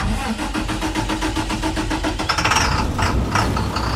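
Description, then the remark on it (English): A large diesel school bus engine idles with a steady, rumbling clatter, its rhythmic knocking pulses holding even before the engine note roughens and rises slightly toward the end. “About 9 out of 10 run on diesel fuel, like this one.”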